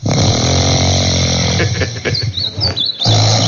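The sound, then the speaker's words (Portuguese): At 6:16 in the morning, a sleeping person snores steadily in long, raspy breaths with a low rumbling tone, interrupted briefly by a softer pause before another heavy snore, while faint high chirping sounds drift in the background. “são 6:16, 6:16, e tá na hora da gente acordar o soneca, né?”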